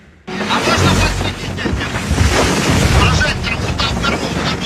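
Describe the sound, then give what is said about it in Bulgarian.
A loud, steady roar of wind and rough, very stormy sea waves fills the whole recording, dense, with gusts buffeting the microphone after a brief quiet start. “спасителите, които разказват за изключително драматичната операция в много бурното море.”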